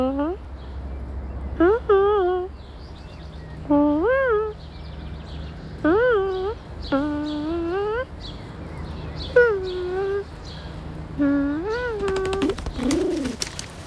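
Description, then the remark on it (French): A voice imitates pigeon cooing: about seven warbling, rising-and-falling coos repeated at a steady pace, fairly loud, with a low hum underneath. “Oh, un pigeon vient de s'installer à côté de mon doudou. Il roucoule.”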